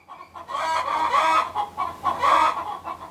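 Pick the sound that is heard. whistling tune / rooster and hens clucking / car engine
rooster and hens clucking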